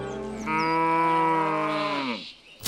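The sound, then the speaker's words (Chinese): A single drawn-out moo from a Xiangxi yellow cow, raised free-range in the hills of Xiangxi, Hunan, loud, rising into a steady bellow for about two seconds before trailing off, with no talking. “湘西小黄牛，湖湘特色食材中绝对的第一梯队。”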